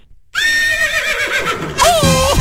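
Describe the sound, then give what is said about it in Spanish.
A horse whinnies loudly, a long quavering neigh that rises and falls, with a second shrill burst near the end. “¡Oh, mi caballo!”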